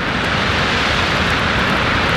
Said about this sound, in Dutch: Deze branding die zwelt aan van rechts naar links. Kan je direct even je speakers controleren.